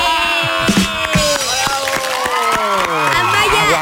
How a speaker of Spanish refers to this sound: Aplausos de pie.